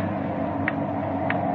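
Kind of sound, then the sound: household object, loud clock ticking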